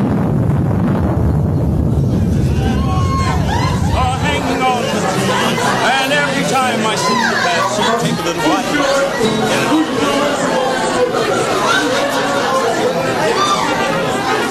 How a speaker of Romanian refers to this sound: Ia uite car cum mai petrece lumea. Uite-mi eu, uite acolo, e un bărbat cu chitara și cântăreț și dansatori în jurul lui.